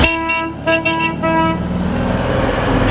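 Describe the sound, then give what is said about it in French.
An old Citroën 2CV, a car with no electronics, sounds its nasal horn in three quick toots, loud, then its small engine keeps chugging steadily in the background, at the 31st national 2CV club meeting in Villiers-sur-Loire, Loir-et-Cher, France. “On sent bien le moteur, hein, du coup. Et on l'entend.”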